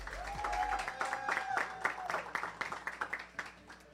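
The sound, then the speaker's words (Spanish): A crowd applauds with steady, dense clapping that carries on for several seconds as veteran player Glenis Rosa of the Gigantes de Carolina women's basketball team is introduced, with a brief sustained tone and faint voices mixed in. “Glenis Rosa, un aplauso.”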